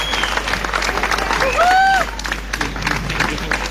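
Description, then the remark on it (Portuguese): An audience breaks into steady applause for the Festival de Jazz de Olé and the Casa da Cultura de Olé. Dense overlapping claps carry a few cheers and a whistle rising through the middle, the clapping holding at a fairly loud level throughout. “temos pessoas que querem fazer realmente uma diferença na nossa comunidade e por isso um grande bem-aja, uma grande salva de palmas para o Festival de Mérito, em especial para o Festival de Jazz de Olé, para a Casa da Cultura de Olé.”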